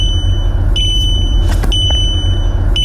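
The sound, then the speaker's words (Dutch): A car's driver-attention camera warning, triggered when the camera judges the driver's eyes are not on the road, sounds as a sustained, high-pitched electronic beep, broken by a few short gaps, over a constant low rumble of road and engine noise. “Ja, tegenwoordig kun je veel piepjes uitzetten met 1 druk op de knop.”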